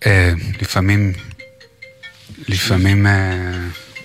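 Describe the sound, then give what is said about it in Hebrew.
A phone ringtone chimes briefly in a pause between voices, a steady electronic tone lasting about a second, with people talking before and after it. “מצלצל פה טלפון.”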